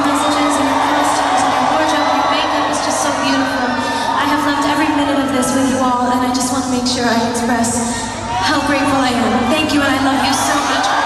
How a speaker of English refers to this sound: The singer ended her … in London last night. She thanked her cheering fans at the O2 Arena.